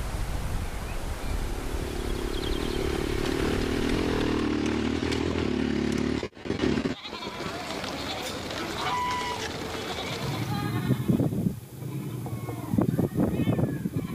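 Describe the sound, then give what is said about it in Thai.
A government-owned drone, flown by local herders to check on their goats and sheep, buzzes with a steady, loud motor for several seconds, then fades under an open-air mix of bleating sheep and goats, with a brief drop to near silence midway. “ตอนนี้มาดูเทคโนโลยีค่ะในการใช้โดรนในการดูเลี้ยงแพะเลี้ยงแกะเลี้ยงสัตว์ก็อันนี้เป็นโดรนของรัฐบาลค่ะรัฐบาลเอาไว้ใช้ดูสัตว์ป่าเนาะแต่ว่ารัฐบาลอนุญาตให้ชาวบ้านละแวกนี้ค่ะที่เลี้ยงสัตว์สามารถนำโดรนขึ้นไปแล้วก็ตรวจดูสัตว์เลี้ยงของเขา”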